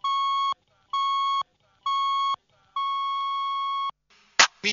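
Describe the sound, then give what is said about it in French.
Three short, evenly spaced electronic beeps followed by a longer final tone, a clear, steady radio time-signal pattern on Radio Topa 104.3 FM marking 5 p.m., ending with a brief noisy burst. “Il est 17h, fini le bip classique.”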